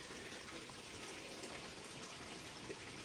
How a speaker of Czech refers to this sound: na to, co slyšíte v pozadí a některým lidem to vadí, šumění vody.